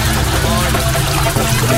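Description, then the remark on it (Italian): A boat motor churns loud with a steady low rumble and rough, uneven texture, and faint voices may sit underneath it. “Che manca solo che mi si ingolfa il motore.”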